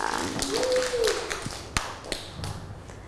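Children clap a few scattered, uneven times, sharp slaps spread across a couple of seconds rather than steady applause, after a brief high squeaky tone at the start.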